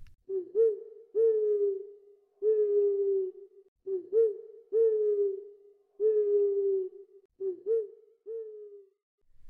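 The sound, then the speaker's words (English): An owl sitting on a branch hoots repeatedly, a steady series of low, mellow hoots, some falling into short-then-long pairs, with no talking. “Good night, Froggy, said Mr. Owl, sitting on a branch.”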